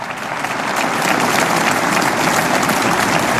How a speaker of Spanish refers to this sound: Démele un aplauso a esa palabra de Dios.